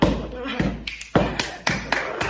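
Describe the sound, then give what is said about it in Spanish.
Heavy footsteps stomp upward in a steady rhythm, five or six loud thuds landing about half a second apart, as someone climbs the stairs. “Subo las escaleras para arriba, así.”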